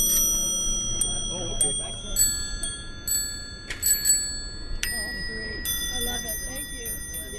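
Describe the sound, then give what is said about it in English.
Vintage bells on old three-speed bicycles at the Lake Pepin three-speed tour ring repeatedly and irregularly, several bright metallic dings overlapping and lingering, over a busy background of crowd chatter and voices. “Plus, they've got holders for flasks and tobacco pipes and vintage bells.”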